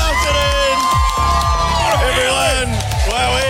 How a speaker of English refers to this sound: Crowd goes wild. We appreciate the support.